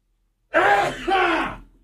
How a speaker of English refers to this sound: Excuse me. I was fighting that sneeze for the past 20 seconds.